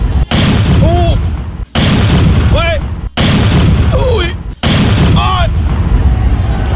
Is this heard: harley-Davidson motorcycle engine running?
no